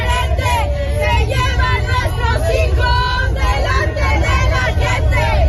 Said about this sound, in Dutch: De demonstranten riepen leuzen als Mexico kampioen van de verdwijningen.